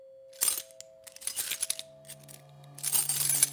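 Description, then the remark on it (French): Keys jangle in three bright, metallic bursts of clinking, the last one longest, with a steady low hum underneath and no talking. “Les clés, tout partout où vous allez, vous avez le bruit des clés.”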